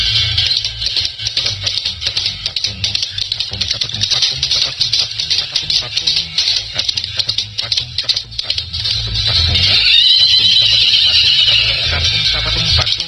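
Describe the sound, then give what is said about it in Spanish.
A horse whinnies loudly and shrilly in drawn-out squealing bursts, harsh, over a steady rattling, rumbling background with faint voice-like sounds mixed in. “ya está enseñando el caballo.”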